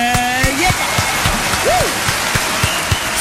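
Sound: applause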